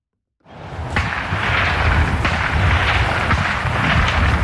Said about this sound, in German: am meisten geschossen wird in Chur auf dem Rossboden. Wie geht es denen, die dort spazieren gehen? Wie gehen sie und vor allem ihre Hunde mit dem Schiesslärm um?